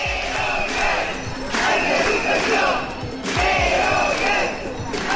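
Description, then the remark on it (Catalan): A crowd of about 200 early-childhood education workers, protesting at the doors of the Parliament during a 24-hour strike, chants loudly in rhythmic bursts, voices rising together in repeated waves, with occasional low thumps beneath the shouting. “És una de les imatges del dia, del so del dia, la de prop de 200 treballadores de les escoletes d'educació infantil concentrades a les portes del Parlament.”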